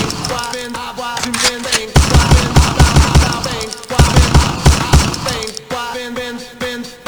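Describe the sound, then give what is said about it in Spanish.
Loud bursts of rapid gunfire sound effects come in two quick volleys of evenly spaced shots, layered over a busy musical background with no one speaking. “mándale los balazos al Tony, mami, ahí te va Tony, más balazos”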